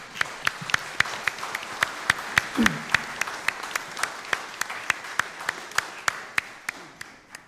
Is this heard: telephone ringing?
no